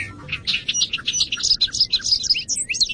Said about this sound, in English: It's early May. We're standing in a large hayfield in western New York State, where bobolinks are returning to nest. The males are first to arrive.